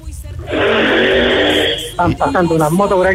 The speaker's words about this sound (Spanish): Están pasando unas motos por aquí que meten una bulla a caballo.